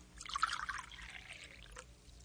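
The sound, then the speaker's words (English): Strong coffee being poured into a cup, a brief splashing stream that rises in pitch as the cup fills, fairly quiet, with no talking. “Coffee's ready. Here. Let me have Nathan, huh? sound asleep. Here, I'll put him on the bed. Sit right down, Missy. I'll pour you a cup”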